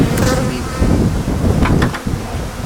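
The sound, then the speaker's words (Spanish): A dense, steady drone of many honeybees at a hive, a thick, continuous buzz that swells slightly in places, with no voices over it. “Ahora, para que la gente que no ha tenido la oportunidad de bajar pueda ver las abejas.”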